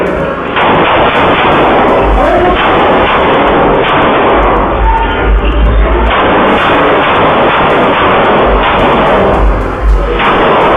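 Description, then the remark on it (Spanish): Loud, dense bursts of gunfire crackle and boom over a constant, heavy roar, with sharp shots punctuating the din throughout and no voices. The shooting is outside the Hope 52 bar in Villahermosa, Tabasco, where a man fires into the air and other gunmen shoot at him. “Un hombre abrió fuego al aire y él se convirtió en el primer blanco de otros pistoleros que no gastó balas al azar.”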